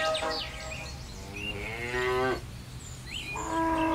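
Dairy cows on a farm in Dasko near Ribnitz-Damgarten, whose milk the farmer makes into cheese, moo loudly, several long drawn-out calls following one another, over a steady background of outdoor farm noise with no one talking.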